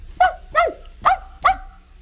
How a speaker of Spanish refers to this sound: Podía ser un perro pequeño como este.